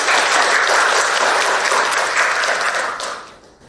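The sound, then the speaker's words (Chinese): An audience applauds steadily to welcome a presenter, a dense wash of many clapping hands that holds loud throughout and then tapers off near the end. No one speaks. “好，我们掌声欢迎。”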